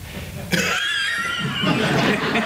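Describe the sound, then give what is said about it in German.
A man playing Rudolf, a servant in a stage comedy, breaks into a harsh, raspy coughing fit after a brief pause, the hacking continuing loud without letup until the end, with no talking. “Rudolf hustet sich durch den Job.”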